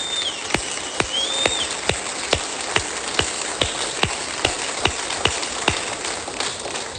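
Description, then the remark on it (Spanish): A church audience applauds for all the faithful servants on Faithful Servant Day: a dense, steady wash of clapping with sharp, evenly spaced claps landing about twice a second, fairly loud, with no voices over it. “Y suelte un aplauso por todos los siervos fieles.”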